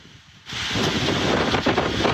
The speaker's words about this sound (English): Saturday overnight, heavy winds from Hurricane Lala whipped across much of Hawaii, sending water gushing out of Rainbow Falls and Hilo, captured in this footage, battering parts of Hawaii's Big Island, Oahu, and Maui